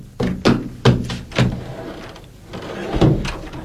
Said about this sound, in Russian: Мама, мама, кто-то стучит в дверь. Я слышу, детка.